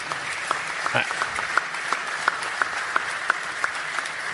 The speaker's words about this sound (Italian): Grazie, grazie molte. Beh, un applauso glielo farei.